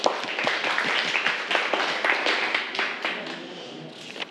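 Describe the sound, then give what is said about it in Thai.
A group of students clapping, a dense patter of overlapping claps that holds at a steady, moderate level for a few seconds with no voices over it. “ปรบมือเพื่อนด้วยครับ”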